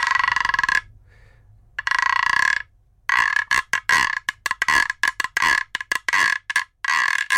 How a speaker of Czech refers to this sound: Tady držím takovou dřevěnou trubku, říká se tomu gyro. A možná to někdo tomu může říct žába, protože to vydává.